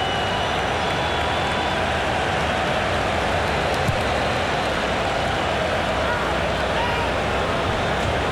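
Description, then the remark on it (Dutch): A football stadium crowd at an England match roars, reacting to play by Marcus Rashford, in a dense, steady wash of noise that holds at an even, loud level throughout, with no single voice standing out. “En u hoort het publiek wat zij ervan denken.”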